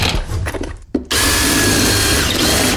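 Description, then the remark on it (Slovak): A power drill drills a hole into a wall in two loud bursts: a rough, uneven stretch, a brief stop, then a steady high whine lasting almost two seconds before cutting off. No one speaks. “V stene už je navrtaná diera.”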